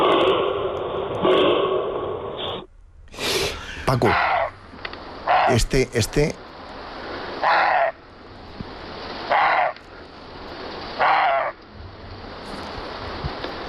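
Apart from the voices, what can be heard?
roe deer barking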